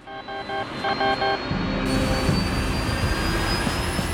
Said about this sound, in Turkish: Şu anda motorları çalıştırıyorlar. Çalıştırılacak 4 tane motor var. Hayata dönüyor.